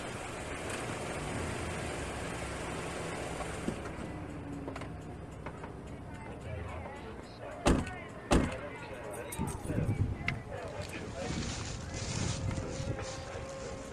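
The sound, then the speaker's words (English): A car engine hums and slows to a stop as the car is parked at a fairground with rides, then two sharp thumps of a car door, followed by a run of crunchy footsteps, with faint outdoor ambience throughout. “I'll park the car here.”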